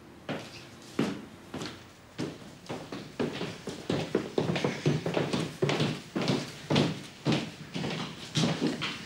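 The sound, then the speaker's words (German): Someone knocks on the door of a doctor's home instead of ringing the bell, a long string of sharp raps in an uneven rhythm that grows a little busier partway through. No one speaks. “Aber nicht klingeln, klopfen. Klopfen.”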